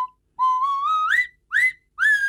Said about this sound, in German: Natürlich mit der Nasenpfeife aus Schonach. Die Nasenpfeife, das Kultinstrument. Und nur original aus Schonach. Flaschenöffner und Musikinstrument in einem. Die Nasenpfeife, so klingt Heimat.